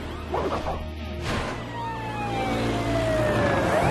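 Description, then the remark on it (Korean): The siren of Marshall's fire truck wails in long, falling sweeps over a steady engine rumble as the truck drives along a road by a farm, loud, with a brief clattering burst early on. “시드랑 아르비는 알겠는데 마셜 소방차는 대체 누가 보는지 모르겠네.”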